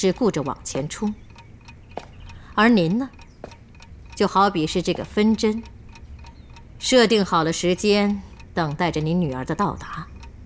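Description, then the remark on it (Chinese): A Chinese-made grandfather clock ticks steadily in the background, its faint, regular beats running beneath people talking. “您看看，我这个落地钟如何？”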